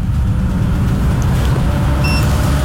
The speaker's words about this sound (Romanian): În sfârșit o mașină, da. Un cap de tir.